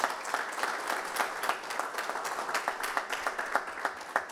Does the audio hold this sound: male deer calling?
no